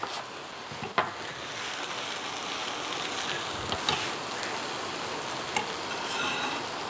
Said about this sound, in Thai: ถ้าน้ำมันไม่พอเนี่ยเราก็แอบเติมน้ำมันพืชจะใช้น้ำมันรำข้าวน้ำมันเมล็ดงานิดหน่อยได้เลยค่ะเราจะผัดจนมันนิ่มเลยนะคุณผู้ชมสีออกน้ำตาลน้ำตาลได้เนี่ยไม่เป็นไร